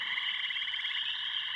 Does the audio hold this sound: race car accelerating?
no